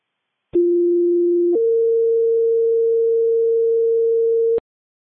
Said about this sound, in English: West Fire, stand by for tones on a smoke investigation.